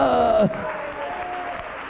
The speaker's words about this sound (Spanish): Dele un aplauso al Rey. Aleluya.